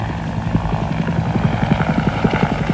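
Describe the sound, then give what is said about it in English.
A helicopter flies overhead at night, its rotor producing a steady, rapid low-pitched thumping over a continuous engine roar, loud throughout with no voices. “It was the air cab, first of the night.”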